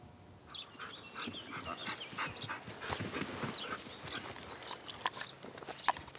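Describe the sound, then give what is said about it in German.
Several dogs bark, yap and whine in a busy, overlapping jumble at the Hundeschule Ermisch dog training school, which keeps going the whole time without a pause, with no one talking. “Axel war hier regelmäßig zum Welpentraining.”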